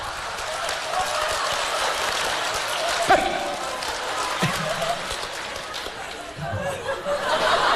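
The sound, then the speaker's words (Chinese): A crowd claps and laughs warmly and steadily, a dense rustling roar that holds at an even level throughout, with voices calling out over it and a few sharper thumps breaking through. “哎，掌声热烈，演俩小品啥的。”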